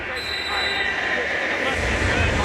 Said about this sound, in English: The whistle blows, and we're just about ready to go at it here at Hard Rock Stadium.